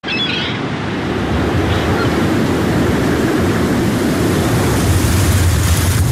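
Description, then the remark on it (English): Steady roar of winter wind and crashing waves on open water, a dense, loud wash of noise that stays constant throughout with no voices. “In seconds, winter wind conditions on the water can turn unforgiving.”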